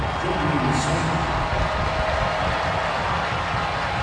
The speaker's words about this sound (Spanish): Y se viene otro cambio. Se va Sony del terreno de juego. Y ahí está aplaudido por la afición angelina.